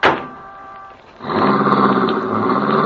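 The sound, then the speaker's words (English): A sharp thud, then a car engine starts up and roars steadily, revving as the vehicle pulls away, with no talking. “Keep driving, boy! Head for the border!”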